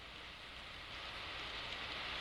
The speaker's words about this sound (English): Lord! Lord! Didn't it rain?